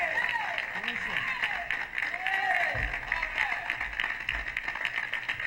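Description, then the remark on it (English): A crowd applauds steadily, dense clapping filling the whole stretch, with scattered cheers and whoops rising and falling over it and a few low thumps underneath. “Some round of applause.”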